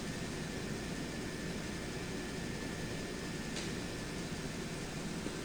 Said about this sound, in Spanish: Los helicópteros elevan las descargas de agua en zonas inaccesibles para facilitar el paso de las brigadas terrestres.